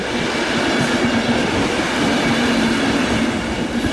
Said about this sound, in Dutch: de IC-trein naar Luikina via Gent-Sint-Pieters komt zo dadelijk aan op spoor 5. Deze trein stopt in Aalter, Gent-Sint-Pieters, Brussel-Zuid, Brussel-Centraal, Brussel-Noord, Brussels Airport Zaventem.